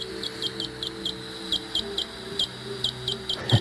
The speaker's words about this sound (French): Un deuxième exemple, autre rythme, le cri du grand rhinolophe.